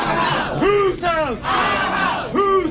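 A crowd of protesters in the Louisiana Senate lobby, opposing proposed congressional district maps during Friday's Senate Governmental Affairs meeting, shouts and yells in loud, overlapping bursts, several voices rising and falling in pitch over a constant background roar of many people.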